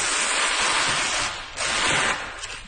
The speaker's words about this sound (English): So unwrapping a Monet. Yeah. Just going to lift it to where it's going on the wall. I'm going to get the sounds of the unwrapping, actually. It's quite nice paper tape sound.